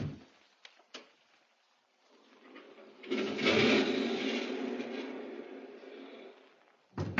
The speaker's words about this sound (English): It's getting cold. I do wish she... She's unlocking it.